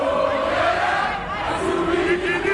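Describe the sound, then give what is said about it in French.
A dense crowd of Congolese football supporters celebrating and dancing in a circle in the stadium corridors in Atlanta after the final whistle of a 3-1 win over Uzbekistan, with many voices shouting and chanting together in a loud, sustained roar, sung tones rising above the din. “Au coup de sifflet final, certains couloirs du stade sont bloqués, des supporters congolais qui dansent en cercle.”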